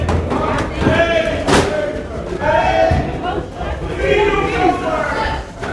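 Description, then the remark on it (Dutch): A loud, dense crowd surges as doors open and people pour in at a 3 October event where thousands of herrings are handed out, many overlapping voices shouting and chattering at once, with a sharp thud early on amid continuous commotion. “En dan gaan de deuren open en dan komen de mensen hier binnen. En dan begint het ook meteen achter me hartstikke druk te worden.”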